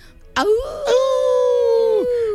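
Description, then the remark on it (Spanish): A voice imitates a wolf howl: one long, loud howl that swoops up, holds steady for about a second and a half, then drops off, with no other sounds around it. “Oye, esta vez es el Día Internacional del Lobo.”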